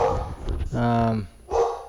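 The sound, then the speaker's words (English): A dog barks in a few short, loud bursts, including a longer harmonic yowl, with a person talking around the barks. “I'm sure you're getting the dog.”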